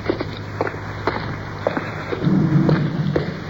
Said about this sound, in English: Cars going overhead.